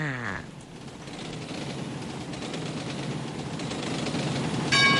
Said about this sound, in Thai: ที่นี่สถานีรถไฟพัทลุงท่านที่จะเดินทางไปกรุงเทพกรุณาตรวจดูสิ่งของสัมภาระของท่านให้เรียบร้อยการรถไฟแห่งประเทศไทยขอขอบคุณทุกท่านที่ใช้บริการสวัสดีค่ะ